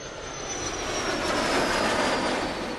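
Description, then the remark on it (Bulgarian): The engine of Turkey's domestic fifth-generation KAAN fighter jet roars in a steady, dense rush of noise, swelling slightly midway, with a thin high whine threaded through. No voices accompany it. “Отечественият изтребител от пето поколение Каан разкри новият си облик.”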